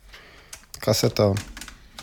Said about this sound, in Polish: Kasetę wkładamy oczywiście, zamknąłem klapkę, kasetę wkładamy oczywiście, proszę Państwa, tak, żeby taśma była do dołu.